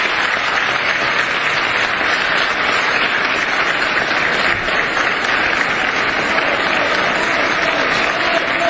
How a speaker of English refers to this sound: Way too much applause. Yeah, for that. Really.